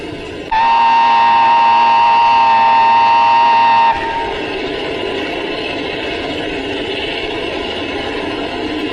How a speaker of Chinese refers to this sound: 参谋长，火车来了。